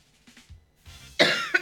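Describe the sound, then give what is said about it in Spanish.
A loud, harsh cough bursts out after some quieter throat noises and breathing, followed by a second shorter cough, with no talking. “6 de la mañana, 38 minutos, aquí estamos luchando, es tos”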